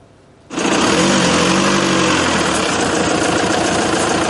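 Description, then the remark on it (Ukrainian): The engine of a driverless, remote-controlled car, built by soldiers of the 128th Mountain Assault Brigade as a ground drone, starts up abruptly after a brief quiet moment and then runs steadily and loudly. It makes a buzzing, rattling drone with a slight rise in pitch before settling into a constant idle. “Машина, яка їде без водія. Такий автомобіль на дистанційному керуванні обладнали військовослужбовці 128-ї гірсько-штурмової бригади.”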